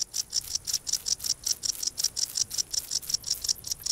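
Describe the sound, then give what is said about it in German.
A wart-biter bush cricket on the Baltic coast stridulates by rubbing its wings together on a sunny summer day, a steady run of short, high-pitched rasping chirps, repeating rapidly and evenly, about four or five per second, with no voices. “Die Heuschrecke reibt ihre Flügel gegeneinander und erzeugt so den typischen Sound des Sommers.”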